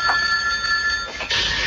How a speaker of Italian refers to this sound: Deve rispondere al telefono.